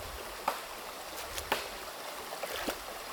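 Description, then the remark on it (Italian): Gentle stream water flows quietly and steadily in a sheltered rocky nook where the water is calmer, broken by a few soft, brief splashes or knocks spaced about a second apart, with no one talking. “In questo anfratto l'acqua è più calma e non ha la forza di portarli via.”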